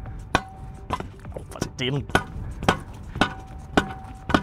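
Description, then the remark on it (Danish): Sharp hammer taps, struck by a reporter, hit a small hard object about seven times at uneven intervals, fairly loud, with a brief voice murmuring between the blows. “Det er selvfølgelig lidt sjældent, at det er reporteren, der står og banker skidtiveren”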